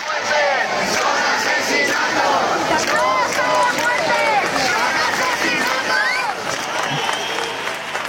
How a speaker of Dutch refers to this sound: Het zijn geen sterfgevallen, het zijn moorden, roepen de demonstranten.